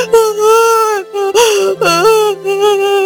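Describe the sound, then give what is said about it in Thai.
An 8-year-old child wails loudly in long, high-pitched sustained cries whose pitch wavers and bends, broken by a few short gasping pauses between sobs. “ข้าไม่ชอบให้พ่อแม่ทะเลาะกันเลยข้าขอร้องไห้หน่อยนะข้าไม่ชอบเลย”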